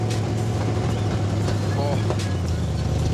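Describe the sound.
The engine of a student-built car, not road-approved, driven within the school grounds, runs steadily; its exhaust, with very short connectors made at the school, gives a loud, continuous low drone with a rough, throaty edge. Faint voices may be mixed in under the engine.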